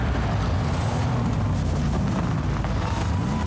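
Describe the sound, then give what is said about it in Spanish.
A powerful car engine roars steadily on the road, a loud, deep rumble with a throaty growl that holds for a few seconds without any voices, in an advertisement for YPF Infinia TurboClean fuel. “es porque pones toda la potencia para cruzar todos los caminos que necesitas.”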